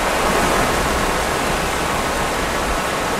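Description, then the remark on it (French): Steady, loud rushing of river water flowing in open countryside among forest and fields, a dense continuous wash of sound with no pauses and no voices. “Derrière moi, il y a la rivière, il y a de la forêt, des champs, bref, on est vraiment en pleine campagne.”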